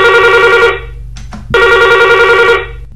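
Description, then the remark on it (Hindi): A telephone rings loudly, two long electronic ring bursts separated by a short pause, with no one talking; the first caller phoning in to a call-in song request programme. “देखते हैं आज हमारे पहले कॉलर कौन है।”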